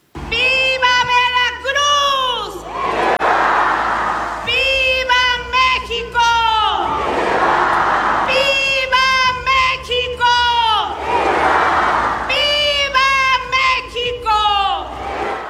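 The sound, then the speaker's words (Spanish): A large crowd roars and cheers in answer to a leader's loud, drawn-out shouted calls at the Independence Day grito ceremony led by Veracruz governor Rocío Nahl at the Palacio de Gobierno in Xalapa, Mexico. The call-and-response repeats about four times in steady waves, with the crowd noise swelling after each shout. “La gobernadora de Veracruz, Rocío Nahl, encabezó la ceremonia desde Palacio de Gobierno de Xalapa y así fue su grito.”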